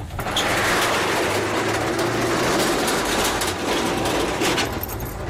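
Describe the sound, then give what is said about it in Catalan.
A washing machine runs with a steady, loud mechanical rumble and a whirring drone that holds constant throughout, with no voices over it. “De moment, has posat la rentadora”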